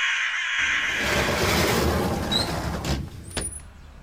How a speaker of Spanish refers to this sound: ¿Ese ruido? Tranquilícese, son solo unos cuervos peleándose por unas carroñas en la calle.